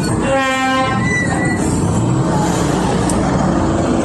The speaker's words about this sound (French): Le bruit des motos, des véhicules et les conversations des usagers rythment chaque soir à l'entrée principale de l'autogare Tiaro de Parakou.